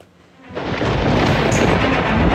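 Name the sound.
thunder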